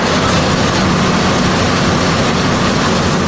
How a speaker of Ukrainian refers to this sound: У процедурному кабінеті тиша, гуде тільки обладнання, що качає кров.